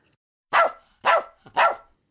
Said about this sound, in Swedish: Plötsligt skäller en hund högt och gällt. Inte det också, stönar Sockerbella. Den där hunden är inte klok. Vilken hund, frågar Kalle. I samma stund dyker en hund upp utanför skyltfönstret. En liten vit pudel. Den krafsar med tassarna på fönsterglaset